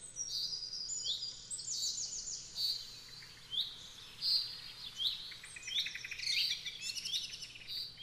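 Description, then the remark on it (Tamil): Several birds chirp and tweet in quick overlapping bursts, bright high calls repeating throughout over a soft low hum, with no one speaking. “நம் நேயர் தேர்வு செய்திருக்கக்கூடிய கருப்பொருளானது பறவைகளும் பாடல்களும்.”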